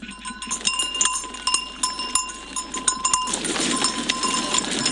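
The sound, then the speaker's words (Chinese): Free-range dairy goats on a farm on a hill in Lintong District, Xi'an, Shaanxi Province, China, in cold December weather. Bleats mix into a steady outdoor bustle of animal movement and clinking bells, continuous throughout, with no one speaking. “进入十二月，天气越来越冷，正是奶山羊养殖户们一年当中最难熬的时候。”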